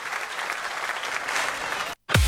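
Sustained applause from a large audience, a dense wash of clapping that fills the space, then cuts off abruptly near the end before a loud new sound begins.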